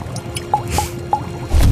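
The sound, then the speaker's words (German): Three drops of cobra venom fall one after another at a steady pace, each a short bright plink, followed by a low rumbling thud at the end. “Drei Tropfen von dem Kobra-Gift.”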